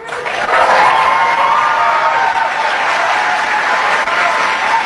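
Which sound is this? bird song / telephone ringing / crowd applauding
crowd applauding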